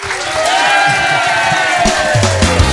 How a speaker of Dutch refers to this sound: We geven hem een avond applaus, dames en heren.